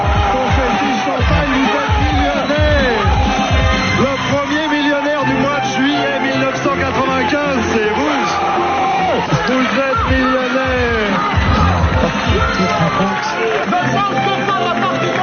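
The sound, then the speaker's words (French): A TV game show studio audience erupts in loud, sustained cheering, with many overlapping voices shouting and whooping in excitement, the joyful uproar staying steady for the whole stretch without letting up. “Explosion de joie.”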